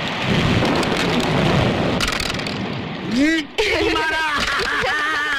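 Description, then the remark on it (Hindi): Steady, heavy rain pours with a constant hiss and a low rumble beneath it; after a few seconds, people's voices come in over the continuing downpour. “पर आज बारिश के कारण दोनों घर में बैठकर कैरम खेल रहे हैं।”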